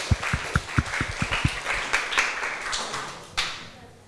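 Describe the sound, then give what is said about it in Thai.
A small group applauds group 3 for a correct answer in a quiz on Thai desserts, opening with a steady run of sharp, evenly spaced claps that then loosen into scattered, softer clapping before fading, with one last clap near the end. “เป็นคำตอบที่ถูกต้องนะคะขอเสียงปรบมือให้เพื่อนๆกลุ่ม3หน่อยค่ะ”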